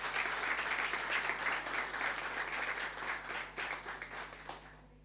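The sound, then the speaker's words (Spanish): Loud, sustained applause from a crowd for the staff who worked on the Cabildo hospital, a dense steady patter of many hands clapping that holds for several seconds before easing off slightly toward the end. “Fuerte aplauso para los funcionarios que trabajaron.”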